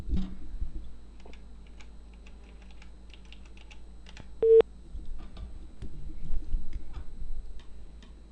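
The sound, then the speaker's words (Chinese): A single short, steady telephone busy-tone beep sounds midway, clear, while calling a village head's phone, which is engaged on another call, over a quiet background of scattered keyboard taps and clicks. “一个关机，一个正在通话中。”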